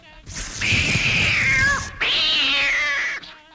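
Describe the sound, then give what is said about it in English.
A cat yowls loudly in two long, drawn-out cries, the first wavering and sliding in pitch before a brief pause, the second steadier and strained, alone. “Now we'll have to use catgut. Here's a cat.”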